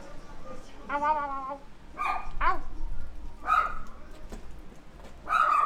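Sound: dog barking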